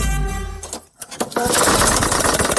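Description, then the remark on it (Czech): A tractor engine, stopping in the middle of work, hums steadily, then falters and cuts out for a moment with a few sputtering coughs before breaking into a loud, rough, uneven rattle, with no voices. “Vaš traktor stao je usred posla.”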